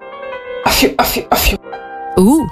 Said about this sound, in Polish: Tutaj tak jednocześnie elegancko, ale też odstraszając demony. To jest taki royal kaszel. Royal kaszel. To jest totalnie royal kaszel.